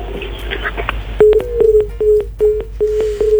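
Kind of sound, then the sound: signal or alarm, phone line tones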